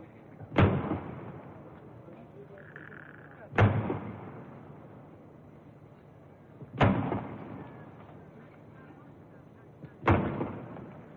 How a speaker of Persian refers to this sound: 50 تیر توپ به مناسبت 50 سال شاهنشاهی پهلوی شلیک می شود.